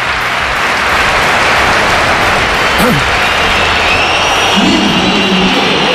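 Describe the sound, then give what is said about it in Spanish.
A dense, roaring crowd at the Bernabéu stadium fills the space, with shrill whistles streaking over the constant wash of noise, a sustained mass of disapproving whistling from thousands of spectators. “La comparecencia de Mbappé fue por sorpresa después de esta pitada del Bernabéu.”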